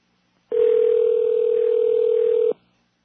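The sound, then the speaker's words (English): A single ringback tone from an outgoing phone call, a steady electronic hum lasting about two seconds, clear with no voices, then silence. “The ring is good. It was busy. Rings are good.”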